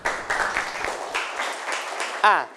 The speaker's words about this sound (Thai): ถูกต้องนะครับปรบมือให้เพื่อนหน่อยนะครับ